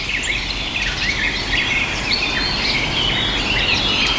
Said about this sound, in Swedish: Och ett pladdrande som är trädgårdssångare. Vi har precis hört de första börja sjunga här nu på morgonen när solen har kommit upp.